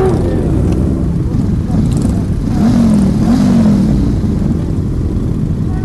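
Engines rumble and rev steadily, a low throaty drone with a couple of rising pitch sweeps, as classic cars and motorcycles idle and accelerate together during the fourth Passeio dos Cavalheiros, a Saturday ride of about 70 participants through villages of the Macedo de Cavaleiros municipality.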